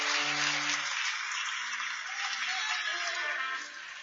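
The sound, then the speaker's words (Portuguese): A church audience claps for Jesus in a dense, continuous wash of applause that holds for about four seconds, easing slightly at the end, with a low hum underneath at the start. “Então, uma forte salva de palmas para Jesus.”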